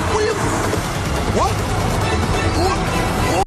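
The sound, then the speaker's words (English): A loud, chaotic crash as a car drives straight into a road divider made of water-filled barrels, with dense splashing and clattering debris lasting throughout, and voices shouting underneath. “But basically, he crashes his car and he explodes into like a road divider thing. Yeah, like a bunch of barrels of water.”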